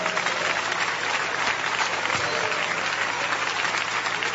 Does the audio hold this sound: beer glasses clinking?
no